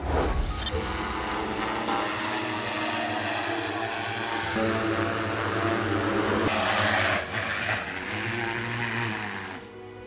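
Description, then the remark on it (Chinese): A steady, high-pitched motorized whir of a drone hovering over the sea at Daya Bay, China, collecting seawater samples for a marine monitoring station, loud and continuous for the whole stretch, its pitch shifting slightly as it moves, with no voices. “无人机采集回来的这一缸水，其实包含的数据量很大。”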